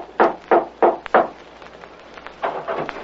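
impact, knocking on a door

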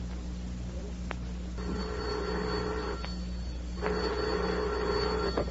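signal or alarm, telephone bell ringing

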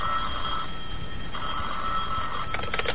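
household object, telephone bell ringing

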